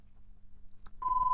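A telephone rings with a steady electronic tone that starts suddenly after a short click, over a low background hum.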